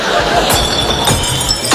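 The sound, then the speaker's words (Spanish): About 20 small glass bottles tumble into a recycling bin, a loud, continuous clattering and clinking with several sharper crashes as they pile up. “¡Qué vergüenza cuando todo el barrio te escucha tirar 20 botellines!”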